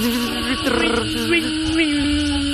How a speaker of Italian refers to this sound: Ma solo con la parte inferiore del corpo, la cicala giapponese. Hai sentito che suono produce? Pazzesca.